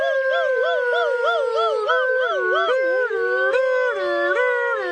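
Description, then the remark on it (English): The emergency rescue Razzleflappins imitate a wailing siren with their voices as they run back to the village toward the hospital, their pitch rolling up and down in quick wavering loops, then sliding into longer steady wails. The loud, continuous sound has several overlapping tones. “But they did grab the other Razzleflabin and run back to the village toward the hospital, making siren sounds with their voices.”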